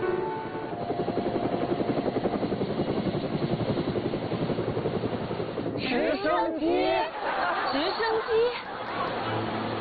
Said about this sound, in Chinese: 直升机